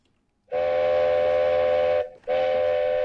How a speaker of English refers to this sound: All right, the train. Indian Pacific, Thursday morning, time to toot.